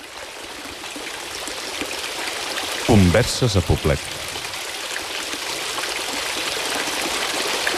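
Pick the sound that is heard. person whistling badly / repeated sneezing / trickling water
trickling water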